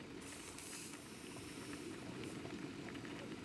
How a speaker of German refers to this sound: Daneben kocht Wildkräutertee für ihren Mann.